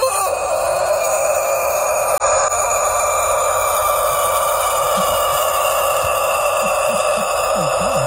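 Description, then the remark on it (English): A rooster crows in one long, harsh, raspy call that sounds almost like a death-metal growl. It stays loud for about eight seconds, with no talking. “Let's move over to this this rooster who could probably do a little death metal on the side.”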